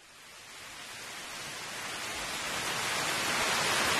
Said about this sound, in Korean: 바로 설악산 천불동 계곡 물소리를 좀 준비를 했답니다. 더위 좀 식히시기 바랍니다. 계곡 물소리.